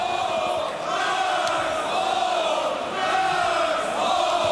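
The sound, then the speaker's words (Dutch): A large crowd in a darts hall during a darts match chants a second song in unison, a steady, droning shout-song with a wavering pitch that carries on loudly and evenly without a break. “Ze hebben wel een tweede liedje kunnen vinden in de zaal.”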